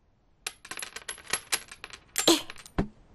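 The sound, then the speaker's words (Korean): Coins rattling out of a piggy bank in a quick, irregular clatter of metallic clinks, ending with a heavier jingling burst and one last clink. No one speaks. “아마 동전이 저금통을 가득 채워야 살 수 있을걸?”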